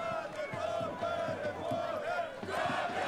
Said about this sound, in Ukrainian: Поки що кам'янчани, яких, як ви чуєте, підтримує місцева публіка, без м'яча проводять цей поєдинок